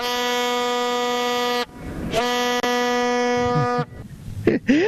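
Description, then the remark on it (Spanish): A handheld horn blares two long, steady blasts with a rich harmonic tone, separated by a brief gap, followed by faint voices and noise. The horn is sounded to build excitement ahead of the next day's football match. “Así, con esa bocina, mi querida Geo, estamos poniendo un poquito de color y calor”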